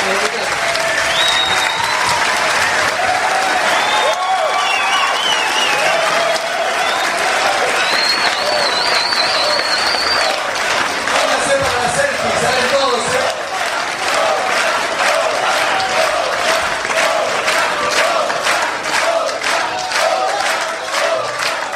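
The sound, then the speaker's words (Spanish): Loud, sustained audience applause fills the whole stretch, a dense wash of clapping with scattered shouts and whistles rising from the crowd. “Un aplauso.”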